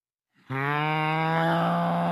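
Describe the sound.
A person imitates a cow with one long, loud, sustained moo, steady and droning, starting abruptly after a brief quiet moment.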